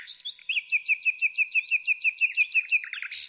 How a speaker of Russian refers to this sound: Когда налет стихал, я шел вниз, завешивал окна, доедал кулеш, возвращался к книгам и засыпал под щелканье соловьев.